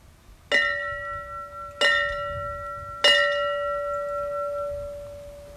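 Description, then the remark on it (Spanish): A fire station bell is struck three times at an even, unhurried pace during a memorial ceremony for firefighters. The three rings represent the call to duty. Each loud clang rings out with a bright metallic tone that hangs and overlaps the next strike. “De ahí que esta mañana se haya querido tener un especial gesto de cariño, haciendo sonar la campana que les llama al deber y que indica que han vuelto a casa.”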